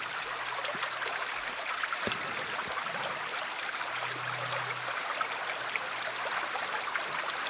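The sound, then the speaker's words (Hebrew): A steady babble of stream water flowing over rocks, continuous, with a faint low hum underneath and no voices. “אז הנה לנו קצת נחל.”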